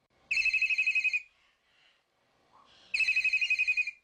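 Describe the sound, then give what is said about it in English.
A telephone rings with two loud, warbling trill bursts about a second long each, separated by a short quiet pause, clear with no voices. It is a listener calling in to the radio show The Bird Show. “The phone's lighting up.”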